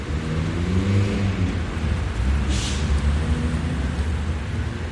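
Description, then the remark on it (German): Busy street traffic rumbles steadily in front of Berlin Hauptbahnhof, between traffic lanes and tram tracks, deep engine drone and passing vehicles merging into one continuous, fairly loud wash of noise with no voices. “Vor dem Berliner Hauptbahnhof zwischen Fahrstreifen und Straßenbahnschienen beobachtet Polizeihauptkommissar Müller den Verkehr.”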